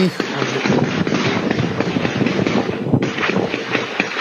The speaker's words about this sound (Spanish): Ahí estamos viendo el video con audio ambiente, escuchemos, a ver. ¿Hubo disparos? Hubo disparos. Para que detengan la marcha.